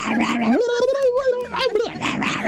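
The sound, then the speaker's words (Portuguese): A voice imitates a frantic, crazed female dog, bursting into yips and whining howls that rise and hold in pitch, loud, with rough bark-like bursts at the start and end. “Mais um cachorro louco.”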